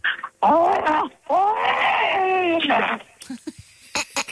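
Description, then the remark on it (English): A person from Lake Haven imitates a Chewbacca roar with two long, warbling, howling growls that rise and fall in pitch, loud and strained, followed by a few short scattered noises. “let's hear Lake Haven's finest Chewbacca sound effects.”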